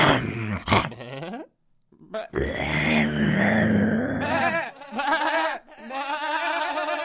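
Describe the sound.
A voice imitates a wolf with loud, drawn-out growls and wavering snarling howls, broken by a brief pause, then rising again in rough, quavering bursts.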